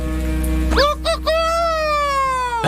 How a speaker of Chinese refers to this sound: 凌晨了吧？公鸡都打鸣了，这应该是山里的山鸡叫的。